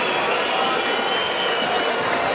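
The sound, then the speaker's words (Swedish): A large home crowd at a stadium roars loudly and steadily during an away match for Sweden, a dense wall of voices with rising and falling surges of noise, heard alone without any clear speech. “Det hörs ju vad hemma publiken tycker om det.”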